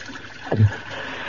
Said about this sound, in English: And as night descended on the Congo, the voice of Kahale finally led Tarzan to a small orchid-strewn clearing with a babbling spring. Water. Wonderful water.